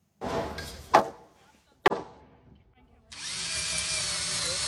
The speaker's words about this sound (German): halten den Bohrer fest in der Hand. Rechts und links werden die Holzbalken von den anderen festgehalten. Mit jeder Schraube steht das Dach etwas stabiler.